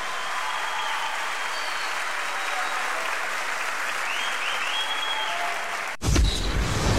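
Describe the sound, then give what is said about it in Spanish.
Sustained applause from an audience, a dense steady patter of clapping at moderate loudness that continues for several seconds before cutting abruptly into a louder, different sound. “La clavó al ángulo, fuerte aplauso.”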